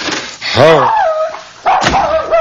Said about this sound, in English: There's a dog. What are you doing in my apartment? I must get you out. I don't even care for canines. Never have. Messy things. Where do you belong, little dog?